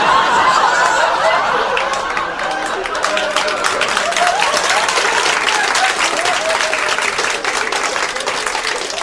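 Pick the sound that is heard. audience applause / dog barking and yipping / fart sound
audience applause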